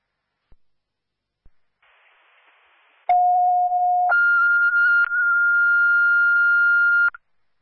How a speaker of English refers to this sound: Dispatch, Austinburg Fire, these are cancellation tones for 3042 College Street. 3042 College Street, again, time of cancellation, 2118.